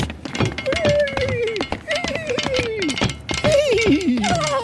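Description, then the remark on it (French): A voice imitates a horse-drawn carriage and horses as in former times: quick, irregular clicking taps mimic clattering hooves, broken by several loud, falling vocal glides like whinnies, all fairly loud and continuous. “Est-ce qu'on arrive à faire, à imaginer le bruit de la calèche, des chevaux, etc., comme à l'époque?”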